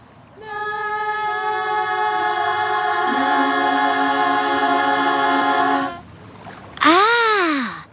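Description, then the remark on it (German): Drawn-out voiced yawning by a choir of birds warming up and loosening their jaws, several voices holding a steady, loud tone for about five seconds with one dropping lower midway, then a short pause and a single yawn swooping up and back down. “Du meinst unser Gähnen. So wärmen wir uns auf, lockern unsere Kiefer, unsere Körper, Muskeln.”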